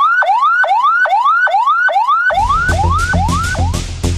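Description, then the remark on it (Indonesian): An ambulance siren, the tone used when carrying a non-emergency patient, sounds loud, repeating a quick rising whoop about every half second; partway through, a low rumble of traffic or engine noise joins beneath it. “Jenis sirine kedua, ambulans sedang membawa pasien yang tidak darurat.”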